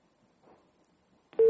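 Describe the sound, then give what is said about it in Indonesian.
After a stretch of faint, murky background noise, a loud, steady busy tone cuts in abruptly right at the end as a caller's phone line to a live call-in question session disconnects. “Ya, baik, terputus.”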